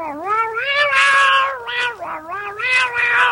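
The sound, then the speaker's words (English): A cat meows loudly in a long, continuous run of whining calls that rise and fall in pitch, with brief dips between them and no talking. “Then a fisherman caught the fish and tossed it to his cat.”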